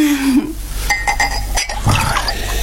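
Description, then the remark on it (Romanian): Vodka is poured into a glass, just a little at the bottom, with a few bright glassy clinks ringing out as the glass is handled during the pour. “Bine, dar numai un pic, nu, pe fundul paharului atât.”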